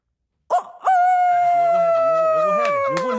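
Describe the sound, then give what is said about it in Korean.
A person imitates a dog's howl: a short yelp, then one long, loud, wavering howl that slowly drops in pitch and is held for over two seconds, alone. “아, 이래서 강아지구나.”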